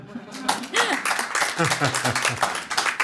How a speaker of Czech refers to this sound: Tak to je ale na aplaus.